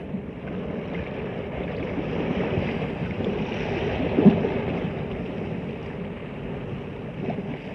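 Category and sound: nature, sea waves and wind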